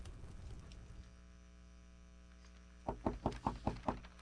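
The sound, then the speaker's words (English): A brief stretch of low hum and near-silence, then someone raps on a door about six times in a quick, steady rhythm, fairly loud, at night. “One evening, the missus was sitting by the stove reading the Lorain County Herald when there was a knock at the door.”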